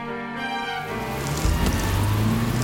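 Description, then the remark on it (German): Steady rain pours down with a dense, hissing wash of drops, joined partway through by a low rumbling hum that continues under the downpour. “Ich stand schon eine halbe Stunde an der Straße. Und das bei dem Regen. Ich bin völlig durchnässt.”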